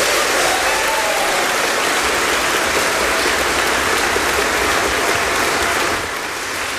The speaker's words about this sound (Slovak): A myslím, že potlesk zaslúžený, čo poviete?